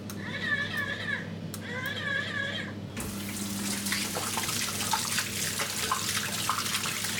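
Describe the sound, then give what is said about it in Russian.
In a smart-home bathroom, a touchless faucet starts up after a few seconds of warbling tones when hands are held to it, then water pours steadily over the hands, a continuous splashing hiss that lasts to the end. “Чтобы помыть руки, даже не нужно касаться смесителя, просто прислоните их к нему. Смочили водой, направим их чуть правее.”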